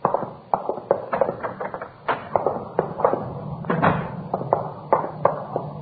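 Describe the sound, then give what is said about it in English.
A door connecting to a coffee shop is handled: a busy series of sharp clunks, latch clicks and knocks as it's opened and shut, with no one talking and a muffled, slightly dull tone. “You can use that door right here.”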